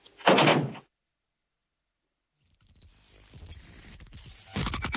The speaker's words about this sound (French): Bonjour, les studios de Jade FM vous ouvrent leurs portes à deux pas du marché à Pornic. Fermons la porte maintenant.